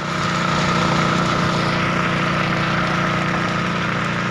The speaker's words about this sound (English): and the fire trucks extinguishing these fires keep coming.